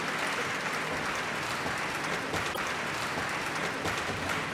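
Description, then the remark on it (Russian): An audience applauds steadily for the winner of an audience choice award, a dense wash of many hands clapping at an even, sustained level throughout, with no voices breaking through. “эти аплодисменты совершенно точно говорят о том, что Полина действительно заслужила приз зрительских симпатий.”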